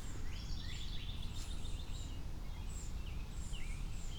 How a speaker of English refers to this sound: Am I hearing baby birds that are just hungry and complaining about it? Maybe. Maybe.